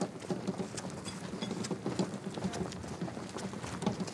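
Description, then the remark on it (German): Steady clip-clop of horse hooves pulling a carriage on the car-free island of Jüst in East Frisia, a brisk regular rhythm of many hoofbeats, with a faint rolling wheel noise underneath and no talking. “Dass es hier keine Autos gibt, sondern nur Kutschen und Anhänger”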